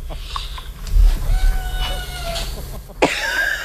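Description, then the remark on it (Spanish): A cat meows in a drawn-out, wavering cry with a steady pitch. A shorter, sharper call follows near the end over a low background hum. “Sí, oímos que maulla”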